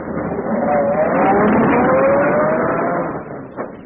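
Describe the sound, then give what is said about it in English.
A luxurious limousine with an English chauffeur: its engine hums steadily and rises in pitch as it pulls away, a sustained, fairly loud motor drone lasting a few seconds before easing off. “Seated in a luxurious limousine equipped with a correct English chauffeur,”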